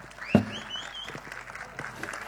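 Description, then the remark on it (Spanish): An audience applauds a performer's first performance on stage, with steady, dense clapping at a moderate level, some high whistles rising over it and a single sharp thump near the start. “Fuerte renovamos el aplauso”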